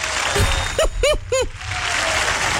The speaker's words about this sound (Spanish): Por favor, aplauda. Comité de aplausos. Todos donde estén escuchando esto, madre favorita, un fuerte aplauso a esta mujer.